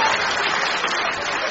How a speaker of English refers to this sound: Just a minute while my patients stop applauding those outside.